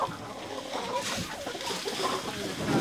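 A rooster clucks in short, scattered bursts against a busy, noisy outdoor background, the calls partly buried in the surrounding din.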